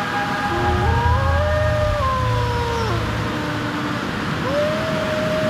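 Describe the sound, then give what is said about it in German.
Wolves howl in a valley at night, the howling echoing from all sides of the valley in long, wavering tones that slide up and down in pitch, several voices overlapping, steady and loud over a low background rumble with no talking. “Schauerlich hallte sein Heulen von allen Seiten des Tals.”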